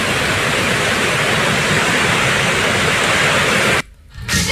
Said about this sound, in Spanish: Está casi llegando ya al borde del, de lo que hicieron. Miren ahí la furia del agua.